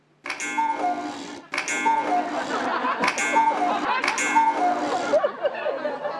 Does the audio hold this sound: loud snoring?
no